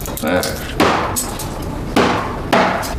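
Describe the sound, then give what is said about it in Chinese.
Heavy cleaver chops strike a cutting board three times at an uneven pace while chopping up ten jin of hairtail fish, each one a loud, sharp whack, with a faint voice murmuring briefly near the start. “那菜板子跟你有仇啊？你再多把菜板子剁碎了，那不是花钱买来的啊？”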